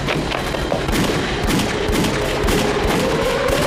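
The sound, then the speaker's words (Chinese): Continuous gunfire and artillery rumble in a dense, sustained barrage that is getting closer, with rapid bursts and sharp cracks over a deep booming low end, loud throughout with no voices. “你看，枪炮声越来越近了”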